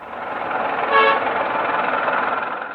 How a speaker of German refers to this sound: Verkehrschaos gehört in Hanoi einfach dazu. Das gilt auch für den vielbefahrenen Tian-Tin-Kreisverkehr.